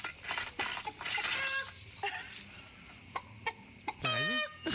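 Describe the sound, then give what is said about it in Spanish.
A person convincingly imitates a rooster, with a run of short clucking calls and then a loud, drawn-out crow near the end, clear over faint background noise. “Parece que es real, no sé, para mí están buscando al gallo, están correteando al gallo.”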